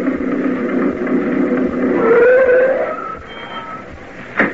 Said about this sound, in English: the Martin family pulled up in Sam's old truck. We could have heard it coming a country mile away.